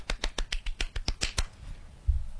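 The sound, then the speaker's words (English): A single pair of hands claps about ten times in a quick, steady rhythm, sharp and fairly loud, then stops; a low dull thump follows. No one speaks. The clapping is a radio host's live sound effect, a round of applause for a listener who won a quiz. “That's the only sound effect. I love live sound effects. It was just my hands.”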